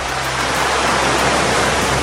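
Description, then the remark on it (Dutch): A steady roar of Atlantic Ocean waves, a dense hissing wash of water that holds at an even loudness without pause, with no voices. “Het verfrissende water van de Atlantische Oceaan.”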